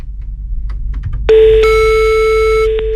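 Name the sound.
phone ringing tone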